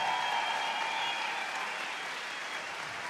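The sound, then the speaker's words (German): Steady, dense applause from a festival crowd at the New Pop Festival for two women performers on stage, a sustained wash of many hands clapping at an even loudness with no voices standing out. “Jetzt haben wir so einen extra Applaus für diese unfassbaren Ladies hier zu meiner Linken”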